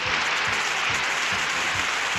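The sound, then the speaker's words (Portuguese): Steady applause from a crowd, a dense crackle of many hands clapping at an even level throughout, with a faint low rhythmic thump beneath it and no voices; applause for a birthday greeting during a programme. “Vou acabar a trilha aqui, acaba o programa, não, tá aqui ainda, batendo palma.”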